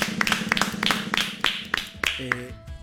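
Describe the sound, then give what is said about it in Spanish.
A short burst of applause for Chacho Guridi: steady, rhythmic hand claps from a small group, crisp and fairly loud, with a brief voice rising near the end. “Chacho merece un aplauso.”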